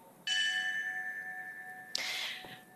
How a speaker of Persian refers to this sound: همینطور که میشنوید، هر اسمی که خوانده میشه به یاد او ناقوسی زنگی نواخته میشه و به صورت پیوسته این اسامی بلند بازگو میشه.